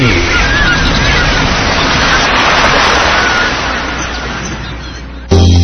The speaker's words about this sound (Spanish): Haz una pausa. Escucha el mar. Siente a la naturaleza en la costa. Respira profundo.